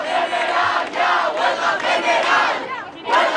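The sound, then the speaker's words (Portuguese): A crowd of protesters outside the Congress loudly chants the slogan "Greve geral" (general strike) in unison after a vote on housing decrees, voices surging in rhythmic waves, with a brief dip just before the shouting swells again at the end. “Os manifestantes, entretanto, após o desfecho da votação, invocaram palavras de ordem, sentaram-se no chão, pegaram nos telemóveis, conhecido o verdito, levantaram-se para gritar Greve geral.”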